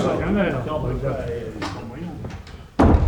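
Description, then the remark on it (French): Voices talk over one another, then near the end a door slams shut with a single loud, heavy bang that cuts over the chatter. “tenez la porte pour que ces chacals n'entrent pas, hein!”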